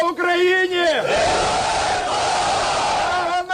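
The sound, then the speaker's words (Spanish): A crowd in Ukraine welcoming 205 prisoners of war handed over by Russia, arriving in a convoy of buses, cheers and shouts loudly, with rising voiced yells at the start giving way to a dense, sustained roar of many voices and clapping that carries on steadily throughout. “Así se ha recibido en Ucrania los 205 prisioneros de guerra entregados por Rusia en las últimas horas, una caravana de autobuses que anunciaba los abrazos y aplausos emocionados al recibirlos de nuevo en casa.”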